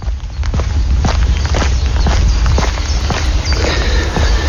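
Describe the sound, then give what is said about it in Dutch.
Steady footsteps of a person on a walk around a polder, each step a crisp, crunchy thud at an even pace, set against a constant low rumble of wind in open country. “Dit zijn mijn voetstappen tijdens mijn rondje polder.”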